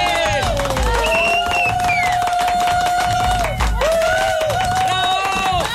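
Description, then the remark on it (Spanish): A loud crowd at a radio station cheers and claps for the station's interns, with long rising and falling whoops over dense applause. The cheering swells twice and keeps going without a break. “¡Una bulla, eso!”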